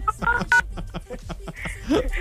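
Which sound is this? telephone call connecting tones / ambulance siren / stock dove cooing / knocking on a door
telephone call connecting tones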